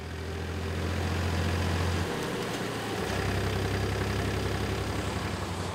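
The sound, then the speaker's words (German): A tractor engine, giving a ride to the next village in the Büren area, runs steadily throughout with a deep, loud droning rumble; the low tone dips and shifts pitch briefly midway, as if revving changes, then settles back into a constant chug. No voices. “Sensationell, es ist schon Mitfahrgelegenheit Nummer 3 heute und der zweite Trecker.”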